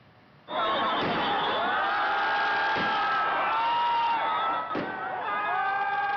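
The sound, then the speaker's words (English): A large crowd roars and cheers loudly in a city square in Kathmandu, Nepal, during the annual Indra Jatra festival, waiting to glimpse the living goddess Kumari; the dense mass of voices starts abruptly and continues steadily, with a couple of sharp bangs cutting through the noise. “Crowds formed in a city square as people waited to catch a glimpse of the revered goddess.”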